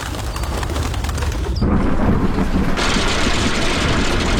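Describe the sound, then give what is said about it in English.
A thunderstorm sound effect: a steady, loud hiss of rain with a deep rumble of thunder swelling in partway through and carrying on to the end, with no voices. “So Mother Nature threw a little tantrum. And at St. Cloud Hyundai, you could be the one who benefits. It's the hail sale.”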